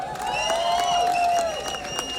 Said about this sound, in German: Aber an der Stelle vielleicht mal einen riesen Applaus für die Leute, die das hier organisieren. Die Leute an der Technik, am Licht, am Ton, dass so etwas möglich ist. Woo!